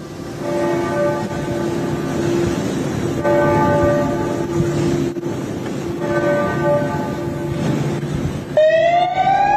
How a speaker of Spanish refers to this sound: Amb aquesta sirena acabava el minut de silenci d'aquest migdia a la plaça Sant Jaume pel nou feminicidi a Catalunya, que va ser dimarts a Barcelona.